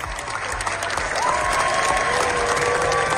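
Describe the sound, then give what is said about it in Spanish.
A large crowd at the Cannes Film Festival gives Los Javis' film La Bola Negra a standing ovation of nearly 20 minutes, a dense, steady roar of clapping that swells slightly and holds, with a thin sustained whistle-like tone appearing partway through. “La Bola Negra de los Javis ha recibido la segunda ovación más larga de la historia del festival.”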